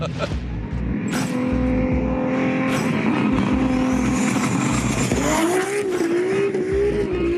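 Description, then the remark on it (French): A powerful 1609-horsepower car engine roars loudly and steadily on a winter drive on slippery roads in Belgium, then its pitch climbs as it accelerates hard in the final seconds. “Avec 1609 chevaux, je m'attendais à de la grosse violence.”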